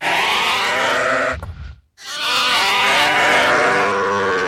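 Sheep bleat loudly: a long wavering bleat, a brief pause, then another sustained quavering bleat. No one speaks.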